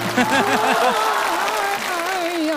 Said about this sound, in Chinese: 就这地儿鼓掌吧。